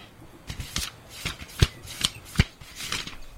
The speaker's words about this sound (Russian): Давид зашелестел страницами книги.